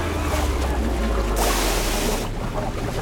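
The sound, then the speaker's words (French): Rough sea with a constant low rumble of churning water, and a loud wave surging and crashing through the middle before the roar settles back, all without any voices. “La plupart se noient dans les vagues.”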